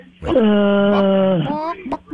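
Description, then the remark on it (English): A person's voice imitates a chicken with one long, drawn-out squawk that dips in pitch at the end, fairly loud, in a studio, followed by a brief softer vocal sound. “Don't be a buck, buck, buck, buck, buck.”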